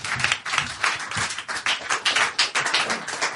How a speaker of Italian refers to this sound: Fate un applauso intanto a Radio Popolare che ci ospita per questa serata.